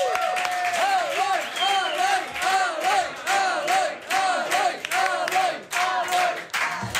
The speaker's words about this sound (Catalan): Rebeu un fort aplaudiment a l'Eloi Vila.